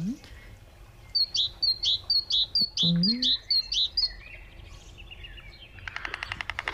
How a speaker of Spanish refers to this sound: Empezamos con el sonido de unos pájaros, ¿verdad, Natalia? Sí, de Urdaibai. Ahí están, los pájaros de Urdaibai.